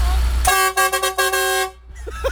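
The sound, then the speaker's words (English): A loud truck air horn from a truck convoy running from Dunstable to Leighton Buzzard blares in a burst of several quick, stuttering honks that run together into a sustained blast, then cut off abruptly, leaving low road rumble. “We covered the Dunstable to Leighton Buzzard truck convoy. Morning, guys. Give us a quick honk.”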